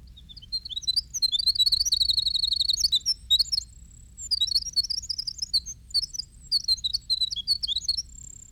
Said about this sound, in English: But at normal pitch, he sings so high and so rapidly that we miss almost entirely the fantastic intricacies of his little song. This is the winter wren.